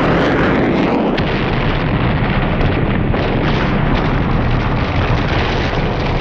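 A huge, sustained explosive roar as a plane flying too low crashes into a field beside a road, a loud, dense rumbling blast that never lets up, with no voices heard.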